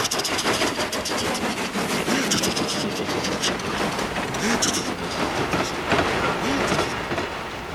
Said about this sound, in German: Thomas gibt sein Bestes. Seine Kolben surren wie eine Nähmaschine. Er pustet Dampf und schießt nur so über die Gleise dahin.